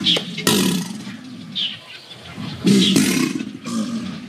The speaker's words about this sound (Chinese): 天气闷热，雷雨将近，原本安静的扬子鳄突然发出一阵阵的吼叫声。 天气闷啊，感觉受不了的情况下，它叫。这段时间它有可能是在找伴儿、找新娘子了。交配期的时候，它也是通过叫声来求偶。